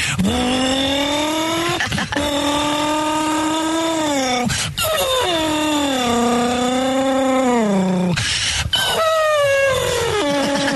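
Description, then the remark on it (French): A voice imitates a racing car with a loud, sustained engine drone whose pitch rises and falls, broken by a few quick breaths between long revving passes, continuous. “Et puis travailler aussi comme j'aimais bien faire le bruit de la voiture de course aussi.”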